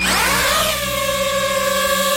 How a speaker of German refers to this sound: Ja, Drohne, eine kleine, eine, wo man aus der Luft filmen kann, wo man fotografieren kann. Das Geräusch, das ist ein bisschen mühsam und auch die Drohne selber, die kann mühsam sein.